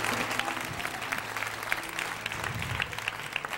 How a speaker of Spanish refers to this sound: Dale un aplauso a Dios, está vivo.